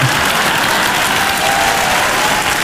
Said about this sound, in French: Attends, parce que les gens m'applaudissent.